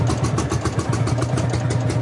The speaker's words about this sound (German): Der Sound der Reisegruppe Traktor ist schon heute Morgen kaum zu überhören. In Guben lassen ältere Männer ihre noch älteren Maschinen knattern. Das ist ein Hanemack, Baujahr 1948.